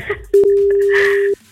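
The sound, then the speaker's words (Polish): A single steady telephone ringback tone sounds for about a second, loud, as a call is placed from Melo Radio, with faint background voices and chatter around it. “Ma 5 sygnałów, żeby to zrobił.”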